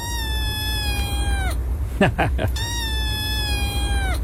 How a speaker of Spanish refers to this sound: Es el maullido de un gatito. De un gatito chiquito.